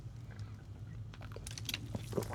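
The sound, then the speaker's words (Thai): A man quietly sips water while talking: a cluster of small wet slurps and mouth clicks, growing busier toward the end, over a steady low hum with no talking. “โอเคขออนุญาตจิบน้ำไปด้วยผมสอนหนังสือเยอะแล้วเสียงแหบอีกแล้วนะครับนะ”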